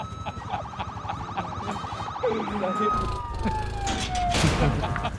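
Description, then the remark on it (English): A police car siren cycles through a rapid warbling yelp, then shifts into a long, slowly falling wail. It sounds fairly loud over a noisy, rumbling background. “Continue my cop car.”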